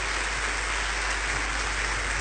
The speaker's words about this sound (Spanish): Ahora sí, dale un fuerte aplauso al Rey. ¡Gloria a Dios!